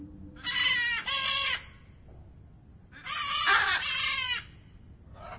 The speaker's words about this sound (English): we've got green-winged macaws, blue-throated macaws, great green macaws, and hyacinth macaws as well